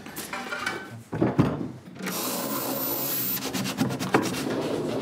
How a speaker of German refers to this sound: Und wenn ich dann nachher alle Fähnchen richtig gesetzt habe, öffnet sich wieder eine Schublade und einen Schlüssel erhalte ich.